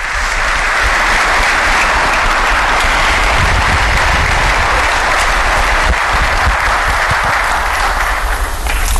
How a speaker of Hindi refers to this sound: जोरदार तालियों की गूंज के साथ माननीय प्रधानमंत्री श्री नरेंद्र मोदी जी का स्वागत करें। भारत के माननीय प्रधानमंत्री श्री नरेंद्र मोदी। तालियों की गड़गड़ाहट रुकनी नहीं चाहिए।